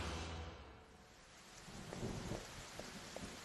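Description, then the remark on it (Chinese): Steady rain pours outside in a dense, continuous hiss, with a low rumble like thunder underneath and a few sharper splashes standing out toward the end. No one speaks. “哎，看，趁外面下雨，跟他们来个调包计。”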